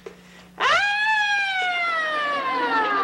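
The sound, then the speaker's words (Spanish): A voice loudly imitates an ambulance siren, a single sustained wail that rises sharply and then slowly falls in pitch, with strong harmonics and a faint steady hum beneath. “¡Soy la sirena de la ambulancia!”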